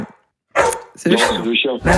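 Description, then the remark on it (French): A dog barks several times in quick succession after a brief pause, the barks loud, with short gaps between them. “C'est le chien.”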